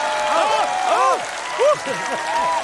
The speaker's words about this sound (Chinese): 那刚才朋友们都鼓掌了吗？ 哪有人鼓掌？你看谁理你了？你看鼓掌。 你好好看看，除了没鼓掌的都鼓掌了。